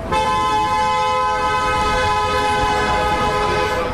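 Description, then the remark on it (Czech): A vehicle horn blares loudly and steadily for several seconds, with rumbling traffic noise underneath and no one speaking; passing cars honk as a procession walks through Pohořelice in one local lane. “Průvod jde přes Pohořelice v jednom místním pruhu, projíždějící auta troubí, těžko říct, jestli na znamení podpory nebo naopak protestu.”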